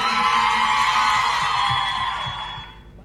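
A crowd applauds and cheers in a dense, steady wash of clapping and shouts that holds loud for a couple of seconds, then fades away at the end.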